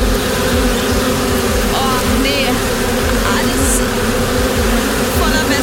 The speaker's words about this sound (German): Gefühlt wirklich alles voll beim Essen am See oder im Freibad. Überall sind Wespen unterwegs.